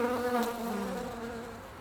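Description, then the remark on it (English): Bees hum steadily in the woods, a continuous buzzing drone with a wavering pitch that carries on without a break and without any voices. “He sat on the woods floor, leaning against a tree, watched the ants and their work, and listened to the humming of the bees, which were also very busy.”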